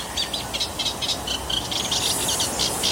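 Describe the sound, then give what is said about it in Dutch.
A Eurasian reed warbler sings a steady run of scratchy, chattering phrases, repeated in quick rhythm over a constant background hiss, recorded at the Kalfjeslaan in Amstelveen. “En Jacqueline nam aan de kalfjeslaan in Amstelveen een kleine karakiet voor ons op.”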